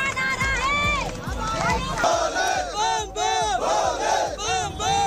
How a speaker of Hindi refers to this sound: दिव्य अमरनाथ यात्रा के लिए जम्मू में बड़ी तादाद में जुटने लगे श्रद्धालु, बम बम भोले के जयकारों की गूंज।